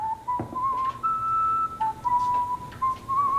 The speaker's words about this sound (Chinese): 哎，吹吹口哨呢？ 这大冷天的在街上吹口哨，不有病吗？但你别说啊，吹的还挺好听。